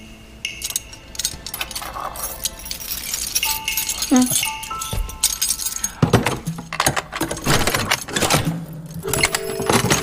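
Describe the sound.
Keys jangle and clink in bursts of bright metallic chinks, shaking on and off for several seconds while people talk over them; the keys are being fetched to open a chest.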